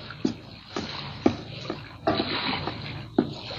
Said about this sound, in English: Tarzan waited until night descended over jungle and sea, and then he glided through the shimmering water in a native canoe.